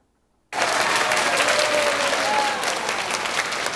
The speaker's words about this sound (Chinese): 听众热情拍手欢迎讲师进场，期待讲师带来的精彩内容。